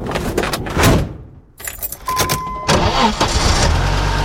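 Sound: car engine starting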